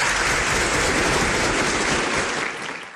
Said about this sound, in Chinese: 哎，好嘞，那掌声有请